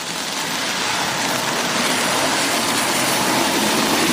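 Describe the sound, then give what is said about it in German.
A car drives over a wet road, its tires making a steady, broad hissing spray over a low engine rumble that holds at an even loudness throughout, with no one talking. “Ja, also ich bin immer nicht gut, die Physik dahinter zu erklären, aber ja, auf jeden Fall sind Autos auf einer nassen Straße extrem viel lauter.”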